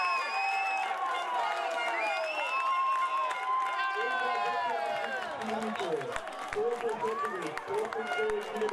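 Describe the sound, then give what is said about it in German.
Schortewitz football fans cheer after their team's goal making it 3:1 against Reppichau: a loud, continuous roar of many voices with high shouts and whoops weaving through, staying intense for the whole stretch. “Die Fans von Schortewitz explodieren förmlich vor Freude.”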